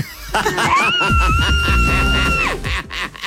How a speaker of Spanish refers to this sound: Mi grito de miércoles es.